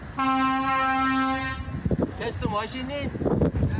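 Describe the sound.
A loud, steady train horn blast from a train on a railway bridge sounds for about a second and a half, then cuts off as people start talking over a rumbling background.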